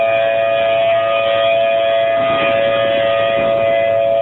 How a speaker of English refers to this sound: Severe weather is the norm there, so the city's tornado sirens are tested every Saturday.